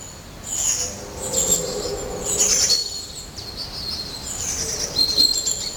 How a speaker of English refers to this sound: The birds here are very vocal at the moment. I can make out a long-tailed tit, a blue tit, and I think it's a tree creeper.